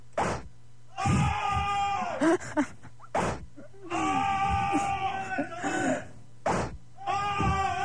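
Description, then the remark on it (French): Three sharp whip-like cracks ring out, each followed by several people crying out in loud, drawn-out screams and pained groans, as if being whipped. “je les fais gueuler à distance, regarde, je vais les fouetter à distance, écoute bien”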